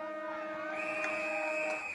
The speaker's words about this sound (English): And siren sounds on a one-sided quarter here at Epping Recreation Reserve.